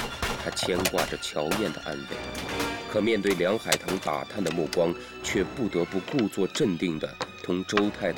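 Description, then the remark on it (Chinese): Scattered gunshots crack in irregular bursts outside the window, muffled, fired by men hunting down Communists, while several people keep talking over the top of them during a card game. “窗外的枪声扰乱了陈少杰的心”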